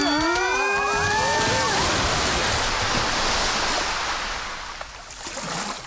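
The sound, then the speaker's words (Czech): Loud, rushing water surges and splashes continuously, like a wave crashing through, with a brief warbling high-pitched squeal at the start before the roar gradually eases. “Fuj, voda.”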